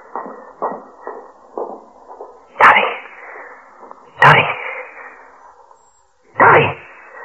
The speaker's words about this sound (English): I had to put my hand over your mouth. You'd have sneezed. We'd been caught.